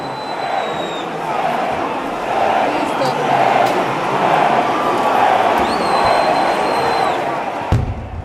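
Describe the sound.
A dense crowd fills Piazza Vittorio Veneto in Matera at almost midnight, a papier-mâché float arriving, with a steady, loud murmur of overlapping voices, pierced by a couple of thin high whistling tones and a sharp thump near the end.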